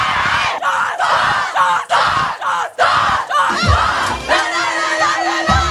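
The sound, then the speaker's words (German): A group of young women, the Wacker team, shouts a rhythmic cheer together celebrating their cup win, loud, bright, repeated bursts of chanting with short gaps between them, building into sustained yelling and whoops. “So, und jetzt wollen wir natürlich nur hören, wie der Jubel von die Wacker-Mädels geht.”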